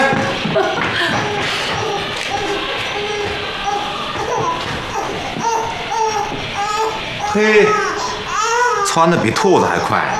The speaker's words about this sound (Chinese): 哎呀，你听，孩子在哭呢，动静多大！